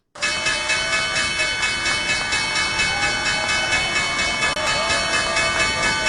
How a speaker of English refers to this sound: But right now, Governor Abbott rang the closing bell of the New York Stock Exchange yesterday to celebrate the grand opening of the NYSE Texas headquarters.